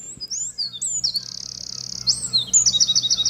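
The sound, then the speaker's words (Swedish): A Eurasian wren sings a loud, high-pitched run of whistled notes and fast trills, shifting between motifs in a continuous burst about three seconds long, clear with no voices. “Ja, det är en gärdsmygg det här.”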